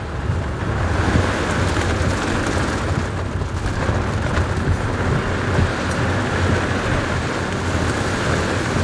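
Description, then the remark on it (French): Heavy rain pours in a dense, steady roar with gusting wind during a thunderstorm with lightning, heard from inside a car on muddy tracks. A continuous loud storm wash, no voices. “Bon, on est vraiment au cœur de l'orage. Hein. Ouais. Là, il y a la pluie, le vent, les éclairs.”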